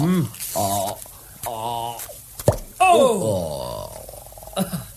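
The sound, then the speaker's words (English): A cork is worked free from a bottle with a corkscrew, with squeaky straining and then a single sharp pop, amid grunting and muttered voices. “Got the corkscrew? Good. Let me open you one of these bottles.”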